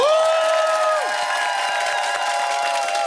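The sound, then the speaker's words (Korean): A loud audience at a public broadcast for the 4th anniversary of the Power FM 107.7MHz radio show Hwangje Power cheers and claps steadily for about three seconds, with high-pitched screams and whoops rising over the dense applause and no one speaking. “박수 주세요!”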